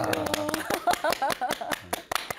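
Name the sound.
loud clapping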